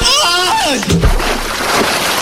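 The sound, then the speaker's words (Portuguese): A brief voiced cry sweeps downward, then a man jumps into a reservoir of cold water with a heavy splash, followed by a second or so of churning, sloshing noise that fills the rest of the moment. “Depois disso, ele tibunga num açude com água gelada.”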